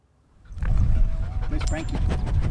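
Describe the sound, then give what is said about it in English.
Several working dogs on a cattle station, a well-behaved pack including Smoke, Buckets, Darcy and Django, pant in quick, steady breaths, with an occasional small whimper or yip mixed in, starting after a brief quiet moment and continuing throughout. “a very well-behaved pack of dogs.”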